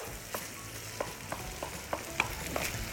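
Butter, added last while cooking, sizzles and crackles steadily in a hot pan, a continuous hiss broken by scattered sharp pops and a few utensil clicks, with no talking.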